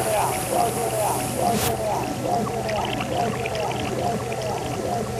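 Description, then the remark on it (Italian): Steady, continuous rush of water draining from the flat forming table of a papermaking machine, where blades creating a vacuum suck the water out of the pulp, with a constant low mechanical hum underneath and faint indistinct voices in the background. “C'è l'acqua che viene raccolta dalla tavola piana e quella lì viene tolta attraverso queste lame che creano il vuoto.”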